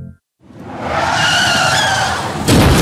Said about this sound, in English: Car crash, call Salino. New York, Connecticut, New Jersey.